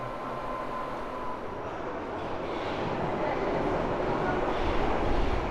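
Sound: subway train running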